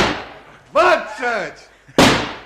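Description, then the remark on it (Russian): Two loud, sharp blasts from a double-barrelled shotgun fired as a salute from a house porch, each with a fading crack, about two seconds apart, with a man's raised voice calling out briefly between them. “который стоял на крыльце с двустволкой в руках.”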